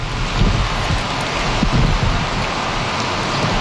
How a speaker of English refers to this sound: Rain and more rain for Calgary this weekend and likely continuing into Tuesday morning. Environment Canada issued a yellow warning for heavy rainfall with total amounts of 50 to 100 millimeters.